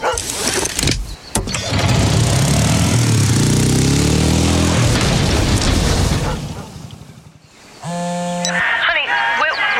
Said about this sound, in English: I just rolled the side-by-side. I was strapped in tight. The helmet took the brunt of it.